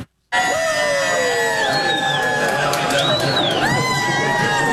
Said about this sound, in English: In Port Williams, Nova Scotia, fans gathered to cheer on their hometown hero, Team Canada winger Jacob Schaffelberg, while thousands decked out in red and white descended on LeBreton Flats in Ottawa to catch the action on four giant screens.